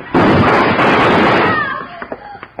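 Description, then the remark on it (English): Gunshots crack out as Hickok, faster on the draw, shoots it out with a man trying to shoot him. There is a loud, harsh burst that rings for over a second, then fades through a brief whining tone and a few smaller, scattered pops. “I'd have done it, too, if Hickok hadn't been faster on the draw.”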